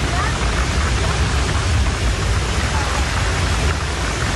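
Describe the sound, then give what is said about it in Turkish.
Heavy rain pours down during flooding in Trabzon on Turkey's Black Sea coast, a loud, unbroken roar of dense hiss that stays steady for the whole stretch, enveloping, with no clear voices over it. “Ortahisar ilçesine bağlı Yalıncak mahallesinde istinat duvarı yağmura dayanamayarak çöktü.”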